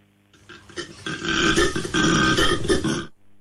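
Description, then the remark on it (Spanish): A rough, guttural animal call lasting about three seconds, loud and continuous with a raspy, belch-like grunting quality, rising quickly and then cutting off. It's an aardvark vocalization. “Este es un cerdo hormiguero.”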